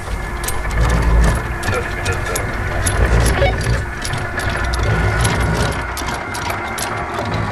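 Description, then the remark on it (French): An anchor chain rattles out from a boat as the anchor is lowered in Paradise Bay, 30 meters to start, in a steady stream of rapid metallic clanks and clinks over a continuous low engine rumble, with faint voices now and then. “if you can bring the start bringing the anchor down, let's start with 30 meters, please.”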